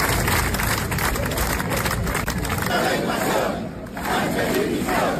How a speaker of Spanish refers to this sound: La Plaza de la Virgen Blanca congregó ayer un millar de personas que se unieron a la concentración de la Federación Española de Municipios y Provincias en apoyo al pueblo ceutí. Gritos a favor de Ceuta y en contra de Pedro Sánchez.